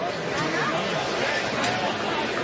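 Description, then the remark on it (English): Dense, steady crowd chatter fills the stadium at a night baseball game with Auburn in blue and the Dogs in gray. It is a continuous wash of many overlapping voices with no single speaker standing out, holding an even level throughout. “Terrific crowd here tonight.”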